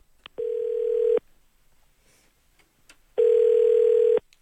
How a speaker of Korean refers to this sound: 두 번째 분께 전화 걸어볼까요?